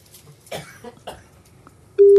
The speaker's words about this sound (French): Ça sonne chez monsieur Vallée. Deuxième sonnerie.